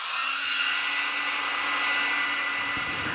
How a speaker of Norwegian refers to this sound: Det henger en håndtørker ved siden av vasken.